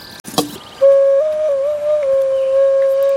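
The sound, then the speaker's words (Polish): An ocarina plays a loud, pure, breathy tone held for over two seconds, bending slightly up and back down in pitch, after a brief clatter at the start. No one speaks. “Jest kilka okaryn.”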